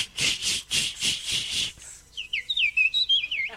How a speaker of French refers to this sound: Et ça, c'est qui, ça? C'est la petite fauvette à tête noire. Ouais, mais moi, j'avais pas vu qu'elle avait la tête noire.